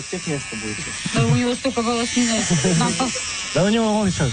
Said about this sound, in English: Then they take turns shaving his head with a shaver that breaks halfway through the process.